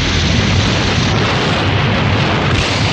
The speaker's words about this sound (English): The explosion rocks the clinic and lab.